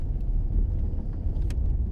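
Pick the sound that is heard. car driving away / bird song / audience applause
car driving away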